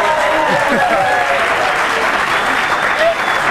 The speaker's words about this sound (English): She deserves a bigger applause for that.